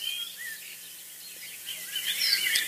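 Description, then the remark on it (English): Faint birdsong drifts over an open bog in summer, a field recording from the Irish Wildlife Sounds Project, with thin high chirps and short whistled phrases above a soft, steady hiss of insects and breeze. No voices are present. “our recorder of birdsong from County Cork, Ireland”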